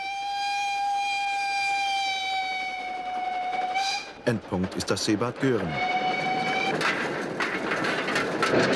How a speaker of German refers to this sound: Der Bäderexpress dampft auf 750 mm Spurweite seit einem Jahrhundert an der Ostküste Rügens entlang.